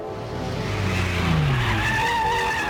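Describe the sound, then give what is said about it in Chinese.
Tires squeal in a long skid as a car swings through a turn, the engine roaring underneath, loud for a few seconds with no voices. “汽车拐了一个弯”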